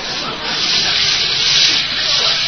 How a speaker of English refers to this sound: Well, now for a nice hot shower and then to bed. Well, let me reach behind the curtain here and turn on the water. I'll let it get good and hot.